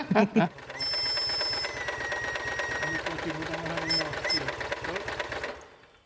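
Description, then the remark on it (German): A steam locomotive runs on compressed air rather than steam, with a steady, rapid mechanical chuffing and clatter, slightly uneven, over a thin high whine and hiss. It starts after a few brief bursts and fades at the end. “Das ist immer so, sie läuft mit Pressluft auch etwas unrund.”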